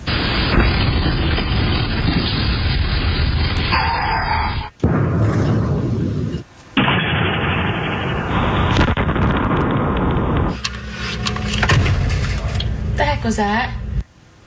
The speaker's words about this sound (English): That was a sonic boom. Home security videos capture the blast that sent birds flying, pets running for cover. It was caused by a meteor exploding as it entered the atmosphere.